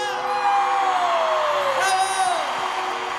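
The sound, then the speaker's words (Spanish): A large audience applauds and cheers in a steady, loud wash of sound, with high whistles and shouts gliding in pitch above the clapping throughout. “Otro aplauso para”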